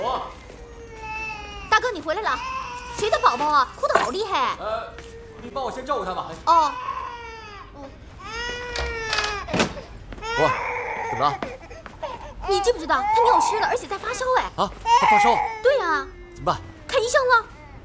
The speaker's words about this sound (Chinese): 谁的宝宝啊？哭得好厉害。 你帮我先照顾他吧。